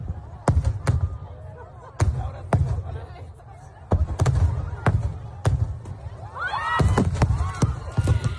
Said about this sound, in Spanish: Un total de 27 personas han resultado heridas a causa del impacto de una carcasa en el espectáculo de fuegos artificiales de Castell de Loya, en Altea, en Alicante. Este era el momento.